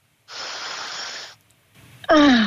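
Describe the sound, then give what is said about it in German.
A long, deep, breathy inhale of fresh Tyrolean air at a window, lasting about a second, followed by a pause and then a louder voiced exhale that rises into a satisfied sigh. “Und gib uns durchs Radio jetzt Tiroler Frischluft. Komm, wir atmen mit.”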